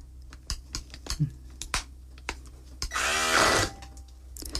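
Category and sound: household object, blender mixing cooked chickpeas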